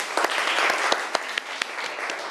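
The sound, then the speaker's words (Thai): A class of students claps together for a classmate who answered the teacher's question, in a steady, dense burst of applause, with a few sharper individual claps standing out above the wash. No one speaks over it. “ปรบมือให้เพื่อนของเราหน่อยค่ะ”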